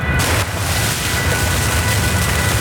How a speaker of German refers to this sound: Das Wasser sprudelt. Wir stehen in einer Bohrnische, wo Wasser aus dem Fels abfließt. 200 Liter pro Minute kommen aus dem Rohr, also mehr als eine Badwanne.